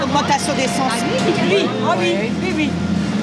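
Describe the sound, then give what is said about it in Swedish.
Overlapping voices chatter at a busy bus stop next to the central station in Dunkirk, France, while a steady low engine rumble from traffic runs underneath, with brief clatters and street noise throughout. “Ett livligt samtal startar här vid busshållplatsen intill Dunkerques centralstation.”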